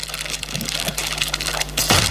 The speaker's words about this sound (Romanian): e atunci când deschizi o pungă de chipsuri